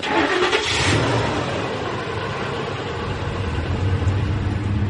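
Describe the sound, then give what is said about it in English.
A pickup truck's engine cranks and catches, then settles into a steady rumbling idle with low-pitched growl throughout; no voices are heard. “They grab their gear and load in the truck.”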